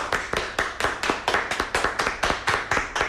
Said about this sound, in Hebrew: אבל שתהיה מעודכן, למעלה מ-420 אנשים על הקווים כרגע בחברת הפיקים מרדיו קול ברמה מהתוכנית שלך. איפה מחיאות הכפיים שלכם?